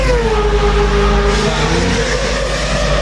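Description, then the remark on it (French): A loud, high-pitched Mazda 787B race car engine screams past on track at the Le Mans Classic, its harmonic whine dropping in pitch as it goes, with a steady roar continuing underneath and no voices. “Celui de la Mazda 787B, donc, qui entre en piste cet après-midi dans cette édition Le Mans Classique Légende qui se poursuit donc jusqu'à demain.”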